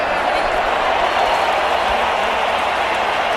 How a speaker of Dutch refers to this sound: Je hoort het, de liederen die gaan door. Want ja, Mexico staat voor, maar wat hier voor geluid vanaf het veld, vanaf de tribunes de lucht in gaat, dat is heel indrukwekkend.